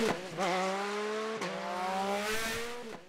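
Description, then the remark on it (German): Speeding motorcycles roar along the Vechinger Berg, a mountain road with more than 20 curves, at high revs, the engine pitch climbing and then dropping sharply with each gear shift, loud throughout with no voices. “Dass die größere Umwege in Kauf nehmen, nur um den Motorradrasern hier aus dem Weg zu gehen.”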